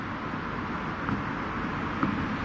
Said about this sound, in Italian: E intanto girano le auto, le moto, gli autobus e gli autocarri. Gira tutto, tutto, attorno a tutto.